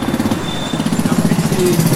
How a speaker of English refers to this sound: As the cars and motorbikes between us whizzed by, I calculated that it would be safe to cross as soon as the next two motorbikes passed,